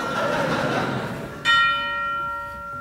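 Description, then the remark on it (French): A single loud church bell strike rings out about halfway through, its bright tone sustaining and slowly fading, after a stretch of diffuse, murmuring background noise. “Sonnez la cloche.”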